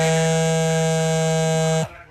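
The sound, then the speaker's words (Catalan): A phone message notification: a single loud, steady electronic buzz with a harsh, low-pitched drone, holding evenly for almost two seconds before cutting off abruptly. No one speaks. “Qui m'envia un missatge a aquesta hora?”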